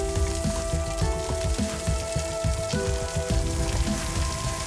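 Meat dishes deep-frying in hot oil until slightly golden, before braising, give a steady, dense crackle and sizzle from start to finish, with faint sustained musical tones underneath and no talking.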